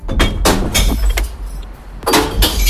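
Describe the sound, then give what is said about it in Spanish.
Glass bottles crash and clink as they drop into a green glass recycling container: several loud, sharp bursts in irregular succession with bright ringing, over a low rumbling background and no voices. “Es el ruido, el sonido de las botellas de vidrio cayendo en el interior del contenedor de reciclaje, el verde.”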